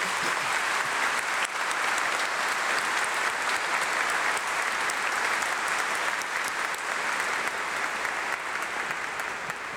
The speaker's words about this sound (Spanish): Démosle un fuerte y caluroso aplauso.